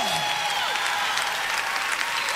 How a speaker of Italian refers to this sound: Oh, un applauso forte al Re. Oh, alleluia. Oh, che si senta.